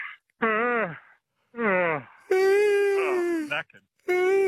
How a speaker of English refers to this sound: Shall we try it? I'll just have a yawn and see if you get one. All right.